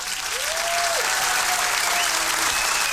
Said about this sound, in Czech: Ano, potlesk pro vítěze